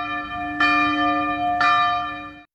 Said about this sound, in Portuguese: Hora de destampar uma. Quando os sinos tocam, ….